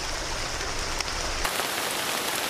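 Heavy rain of a summer storm in Thailand pours down in a steady, dense hiss that fills the whole clip, loud, with a slight shift in texture partway through and no voices.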